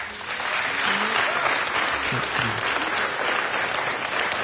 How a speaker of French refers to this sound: On vous demande d'applaudir très fort